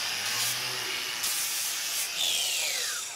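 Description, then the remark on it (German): An angle grinder (a Flex) grinds steadily against a cow's hoof to straighten the claw, a harsh, hissing rasp with bursts of grit. Near the end its high whine sweeps downward as the motor loads and slows. “Das ist eine Flex und damit kann man die Klaue etwas begradigen.”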